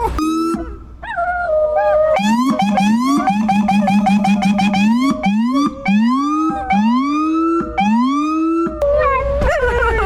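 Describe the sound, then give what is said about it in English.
A loud police siren, switched on to make the dogs howl, wails and yelps while dogs, one named Gojo, howl along with it, their rising, wavering cries layered over the siren for the whole stretch. “Oh my god, can I put the sirens on to make them howl?”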